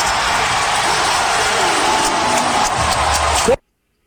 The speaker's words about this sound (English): Hear that crowd? Pretty loud, huh?